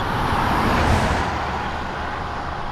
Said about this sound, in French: Les roues de la voiture sont passées à seulement quelques centimètres du hérisson.